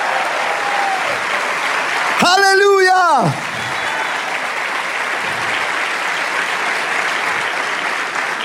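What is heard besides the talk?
audience applause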